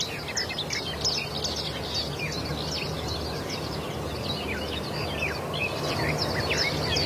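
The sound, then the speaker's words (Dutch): Garden warblers sing in willows in the morning sun, a rapid, babbling warble of varied chirps and fluting notes, continuous and lively, somewhere between a blackbird and a blackcap, like a fast blackbird song, over a steady low hum. “Het zit een beetje tussen een merel en een zwartkop in.”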